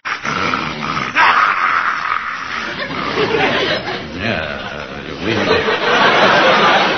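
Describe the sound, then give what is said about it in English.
A German shepherd on guard at an apartment growls and snarls, a loud, rough, continuous rumble that swells and eases over several seconds without pause. “And besides, these German shepherds is used to handling sheep.”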